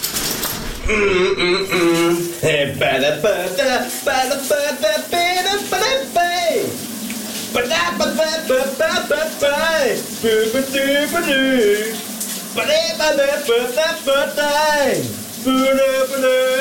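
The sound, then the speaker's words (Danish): A man sings a melody continuously while taking a shower in the morning, the shower's steady spray hissing underneath the voice throughout. The singing is fairly loud, with a few brief pauses between phrases. “er klar med dagens brusebadshit”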